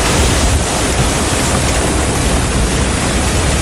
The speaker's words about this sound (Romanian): În Slatina, vântul puternic a pus la pământ mai mulți copaci.